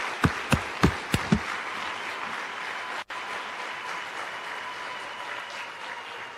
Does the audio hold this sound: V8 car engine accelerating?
no